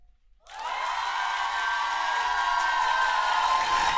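crowd cheering and applause

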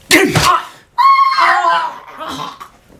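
man screaming

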